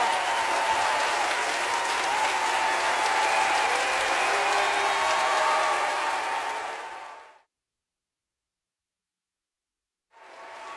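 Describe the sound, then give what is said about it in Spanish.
A large audience applauds loudly and steadily for about seven seconds for artists at a special evening celebration, then the clapping fades to silence before another burst of applause begins near the end. “Un aplauso, por favor, a estos grandes artistas y amigos por estar celebrando con nosotros en esta noche tan especial.”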